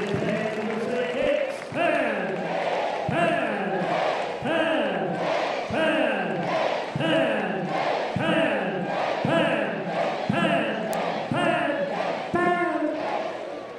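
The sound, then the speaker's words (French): A loud baseball crowd chants as the batter, Arboleda, reaches two strikes, in a steady, repeating rhythm, voices rising together in short swells about once a second, with an energetic roar sustained throughout. “La foule va s'animer.”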